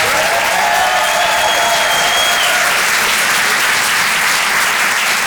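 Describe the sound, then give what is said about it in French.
A loud, steady burst of audience applause for comedian Vincent Serroussi after his stand-up set at the Rire et Chanson Comedy Club, dense clapping filling the whole clip with a faint whistle-like tone drifting through the first half. “Faites du bruit, s'il vous plaît, pour Vincent Serroussi.”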